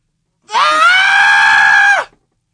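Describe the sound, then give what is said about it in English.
A single loud, sustained scream from a person imitating distress, held steady for over a second before dropping off sharply at the end, heard alone. “do like a distressed scream.”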